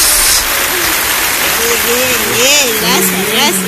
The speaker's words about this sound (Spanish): un aplauso.